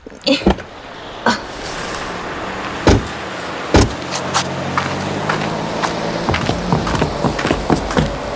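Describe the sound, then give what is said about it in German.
Car doors clunk open and shut a few times over a low engine hum, followed by a run of light footsteps and shuffling as people climb out of a car parked in front of a music shop, with no talking. “So, lass uns mal aussteigen.”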